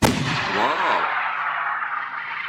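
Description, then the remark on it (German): A hail cannon, a sound-wave cannon used as a protection method against hail, fires with a sharp, loud blast, followed by a long hissing, roaring rush that carries a brief wavering whistle before slowly fading. No voices. “2018 hat der Verband die Anerkennung der Schallwellenkanone als offizielle Schutzmethode gegen Hagel beim Landwirtschaftsministerium durchgesetzt.”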